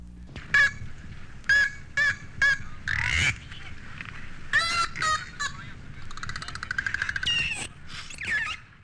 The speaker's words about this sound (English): This next set of sounds indicating protest was uttered by a dolphin that had been removed from the water and was being subjected to the indignity of a routine medical examination.